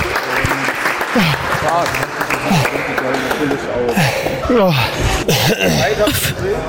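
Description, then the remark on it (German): Sustained applause from a crowd of police cadets cheering someone on during the Berlin police sports test, a steady dense clatter of clapping with cheering voices and chatter rising over it throughout. “Der Applaus übrigens im Hintergrund, das sind die ganzen Polizeischüler.”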